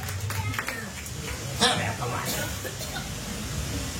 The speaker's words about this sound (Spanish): Dele una ofrenda de palmas fuertes a nuestro Dios. ¡Qué aguados!